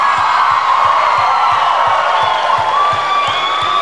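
A large crowd claps and cheers loudly and steadily, with whoops and shouts rising above the dense wash of applause, as a singer invites a Brazilian sertanejo duo to sing with him.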